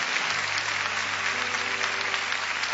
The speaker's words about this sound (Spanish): Y dele aplausos a Dios. Amén.